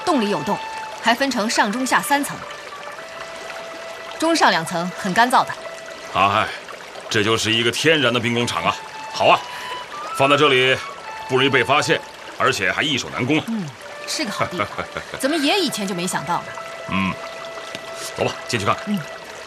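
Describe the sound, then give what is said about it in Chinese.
Water of a small stream flows steadily out of a large cave in a continuous, splashing pour, with voices and other sounds mixed over it throughout. “小溪的水就是从洞里流出来的。”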